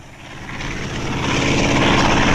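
A propeller airplane, Shuke's red plane from the story Shuke and Beta, drones steadily, its engine hum growing louder as it approaches overhead. The buzzing tone is continuous, with no voices.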